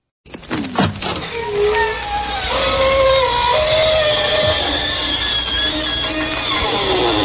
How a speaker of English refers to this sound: Good evening, friends. This is your host to welcome you again through the creaking door into the inner sanctum.